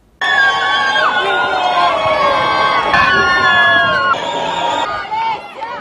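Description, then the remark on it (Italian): A large crowd of wedding guests cheers and applauds loudly and continuously as the newlyweds, goalkeeper Gianluigi Donnarumma and his bride, leave the Chiesa Madre di San Giorgio Martire in Locorotondo, Italy, after the ceremony, with excited shouts and calls rising above a dense wall of clapping and chatter for several seconds. “Il primo saluto da marito e moglie tra gli applausi dei presenti.”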